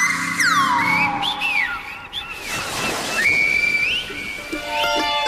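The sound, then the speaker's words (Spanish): Sharp, piercing whistles of the Canary Islands whistled language (silbo) glide up and down in pitch in gliding phrases. They ring out loud over a steady background hiss like surf. “Una vez ya hemos conocido un poco más acerca del lenguaje silbado de Canarias, Daniel, ahora toca ponerlo en práctica”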